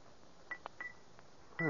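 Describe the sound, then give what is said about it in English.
A few light taps of a silver pencil on a bell made of rose crystal, each a short, dull tick with a faint pitched edge that dies at once instead of ringing; the last tap is louder. “Suppose I tap it with this silver pencil. That ought to make it ring.”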